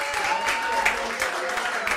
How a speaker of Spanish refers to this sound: Gracias. ¡Aplauso! ¡Gracias! ¡Fuerte!